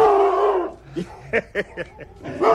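A dog gives a drawn-out whining call, then a string of five or so short, sharp barks at an irregular pace, moderately loud, ending in another whine.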